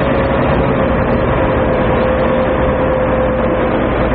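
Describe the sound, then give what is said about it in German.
A motor ship's engine in an underground harbour drones steadily and loudly as the boat departs, a dense low rumble with a faint constant whine riding on top, unchanging, with no voices. “Da liegt ja ein Motorschiff.”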